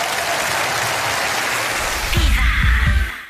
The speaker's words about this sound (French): Fabien Le Castel, mesdames et messieurs, applaudis très fort.